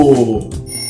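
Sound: alarm clock ringing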